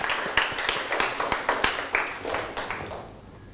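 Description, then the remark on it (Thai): A group of students in a classroom clap for everyone after answering questions about a story, a steady burst of many overlapping hand claps at moderate loudness that thins out and fades toward the end. “ปรบมือให้ทุกคนเลยครับ”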